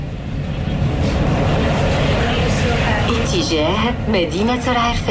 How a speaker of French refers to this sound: Et on démarre dans le tramway, dans Rabat.